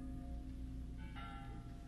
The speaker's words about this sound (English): If it's an omen you're after, take the beauty of the bells. Oh, they are full of beauty, just as our little lad.